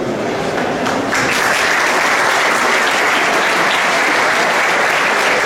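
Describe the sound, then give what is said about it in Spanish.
Loud, sustained applause from a large audience at a BYD event for Alberto de Aza, director general of BYD Spain and Portugal; a dense steady wash of clapping that holds at full strength throughout without a break, with no voices standing out. “Ahora sí, escucha, fuertes aplausos.”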